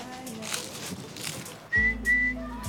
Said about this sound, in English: Pitasilgo. Pitasilgo. This bird.